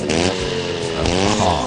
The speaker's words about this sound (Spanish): Mirá cómo suena la moto si le pones este aceite de Leo.